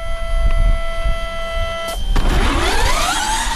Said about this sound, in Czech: Studentská elektrická formule E-Force Prague projíždí klikatou zkušební trať vymezenou barevnými kužely. Za volantem ale nikdo nesedí. Trať je vyznačená modrými kužely vlevo a žlutými kužely vpravo. Ten systém detekuje ty kužely.